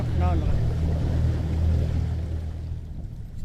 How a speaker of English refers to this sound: His new skiff, bought with money made as a construction worker repairing the village, is harder to navigate in the brush than his mud boat, which was damaged during Halong.